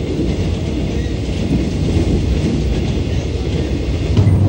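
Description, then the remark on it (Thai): A train rumbles steadily along the tracks, a loud, continuous low roar with faint rhythmic clatter from the wheels, unbroken throughout, with no voices. “การก่อสร้างทางรถไฟสำเร็จไปด้วยดีหลังจากนั้นเส้นทางรถไฟสายต่างๆก็ได้สร้างผ่านป่าดงพญาเย็นเพิ่มอีกหลายสาย”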